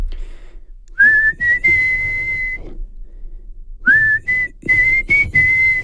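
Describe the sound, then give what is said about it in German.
A person whistles the intro melody of a well-known rock ballad, clear, in two rising phrases with held notes and a short pause between them. No one talks. “Also ein Welthit im Intro. Dort pfeifen sie ja so.”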